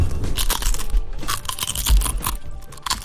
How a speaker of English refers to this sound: They're good crunchy potato chips. Yeah, they're not salty. I like them. Made in Iowa, too, folks. Support, yeah. Iowa. Tallow cooked, too, so no seed oils, none of those things.